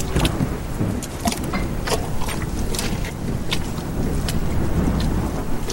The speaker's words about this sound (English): He walked for miles with the cold wind blowing, stinging rain on his skin. He treaded through mud and deep puddles in the dark night.